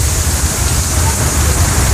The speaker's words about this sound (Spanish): Oh, sí, está fuerte el agua.